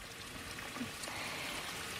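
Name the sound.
small stream trickling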